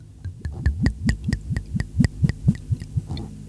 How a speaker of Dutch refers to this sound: Ik heb hier voor me een Moscatel Origen. Ja. Van ons favoriete wijnschenkerij Pepe Mendoza. Ja. Van de Mendoza Brothers. Vader en zoon. Mag ik hem inschenken? Ja, graag.